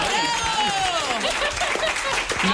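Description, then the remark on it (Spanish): A burst of audience applause fills the whole moment, dense and steady, with whoops and cheering voices rising over the clapping. “Pues un aplauso.”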